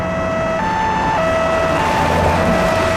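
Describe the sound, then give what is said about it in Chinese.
An ambulance siren wails in a steady two-tone hi-lo pattern, switching pitch about every half second, loud over a low traffic rumble, with no voices. “哎，别套车了，叫救护车。”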